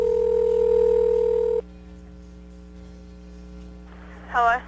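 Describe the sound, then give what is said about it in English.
Telephone tones as a call is placed: a loud, steady tone cuts off into a quiet line hum, followed by a short warbling electronic burst near the end. No one speaks. “The young lady just got her license or something, and her dad said, you need to call and do one of those fly phone call birthdays.”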